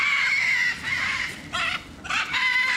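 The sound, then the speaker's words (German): Loud, harsh screams from hungry macaws flying to the front as keepers arrive with a cart of food, several raspy squawks in quick succession with short gaps between them, and no one talking. “Und dann kommen die witzigerweise immer ganz nach vorne geflogen und schreien ein bisschen rum, sind ein bisschen laut.”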